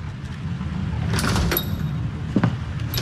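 A door slides open with a brief rattling scrape and a couple of soft knocks as someone enters, over a steady low rumble of background noise; no one speaks.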